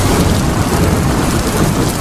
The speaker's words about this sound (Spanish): Claro, ya sé. Te lo estás preguntando, ¿no? Es viento, es frío, es lluvia, porque además menuda mañanita llevamos.